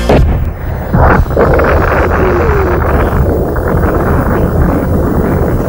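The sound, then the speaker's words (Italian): A massive atomic bomb explosion rumbles on as a loud, continuous low roar, surging early and then sustaining a thick, churning boom with no voices present. “Il mondo intero è sconvolto dalle esplosioni atomiche.”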